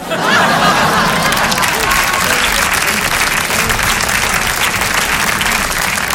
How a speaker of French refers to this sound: Merci d'applaudir la performance, merci.